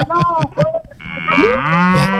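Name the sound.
cow mooing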